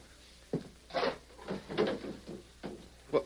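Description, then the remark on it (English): A wooden table drawer slides open with a series of short scraping and knocking sounds, fairly quiet, with no one talking. “take a look at that table drawer.”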